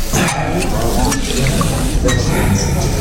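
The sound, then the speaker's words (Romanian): A drink being poured steadily into a glass, a continuous splashing trickle lasting a few seconds, with muffled voices talking in the background. “Nu mai dau, ajunge, gata.”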